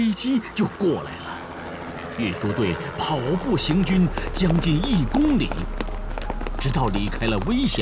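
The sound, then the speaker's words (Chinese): Hurried running footsteps of several people, a transport team running nearly 1 km on a winter night after coming ashore from a river to escape enemy aircraft, mixed with overlapping voices and shouts, while a low steady rumble builds underneath in the second half. “运输队跑步行军将近1公里，直到离开了危险地带，才顾上穿衣服。”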